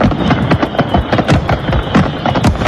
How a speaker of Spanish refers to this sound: Y ya ha finalizado la Feria de San Juan de Badajoz, más de 10 días de fiesta donde finalmente han podido disfrutar de sus tradicionales cohetes.